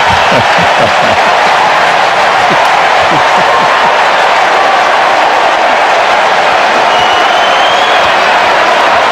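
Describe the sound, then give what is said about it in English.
A large baseball stadium crowd roars in a steady, loud wash of cheering and murmur, with scattered claps and shouts rising out of the dense noise throughout. “That was exciting for the crowd here.”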